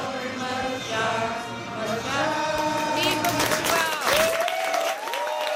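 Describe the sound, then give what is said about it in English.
A dense crowd of soccer fans in Toronto's Little Portugal, watching a match, roars and cheers together, with rising whoops, shouts and clapping layered over a steady wall of noise that swells near the end. “Fans in Toronto's Little Portugal yesterday watching the match.”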